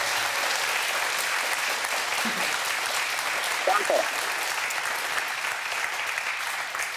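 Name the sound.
studio applause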